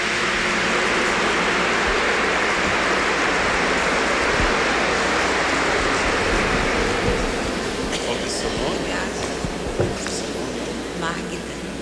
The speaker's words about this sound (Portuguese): Uma salva de palmas, bem bonito.